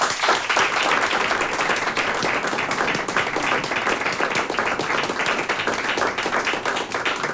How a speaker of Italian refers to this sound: ma un saluto quanto mai caloroso e direi forse anche un applauso ai musicisti dell'Orchestra Sinfonica di RTV Slovenia, oggi i nostri ospiti diretti anche dalla maestra Mojca Laurencic. Un applausino.